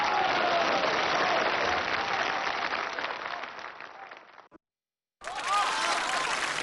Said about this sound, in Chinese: 感谢大伙把这么热烈的掌声给了我一个人，